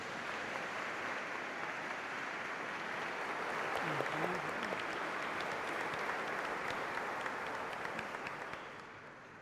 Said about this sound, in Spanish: Felicidades a estos señorones que por 25 años han entregado su vida a Dios y ya pueden venir con el costal cargado de tantos frutos. Pido un fuerte aplauso para todos ellos.